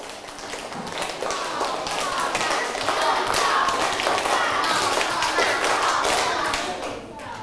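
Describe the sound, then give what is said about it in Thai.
Schoolchildren clap their hands in a stepped pattern of short bursts during a class activity. The many sharp claps overlap and fall out of sync, forming a steady clatter across the whole clip. “ขอบคุณมากค่ะเก่งมากๆเลยเด็กดีปรบมือเป็นสเต็ปค่ะ”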